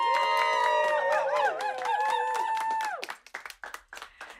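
An audience claps and cheers, steady applause under sustained, wavering high-pitched tones, then the clapping thins out into scattered, uneven claps over the last second or so.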